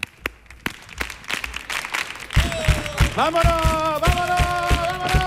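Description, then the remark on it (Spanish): An audience at a show claps together in a steady, even beat, in time (a compás), welcoming performers with a carnival atmosphere. The sharp claps continue throughout as music with sustained tones comes in partway and plays over them. “Venga, ¿cómo puede ser este público que me haga ahí unas palmas? A compás.”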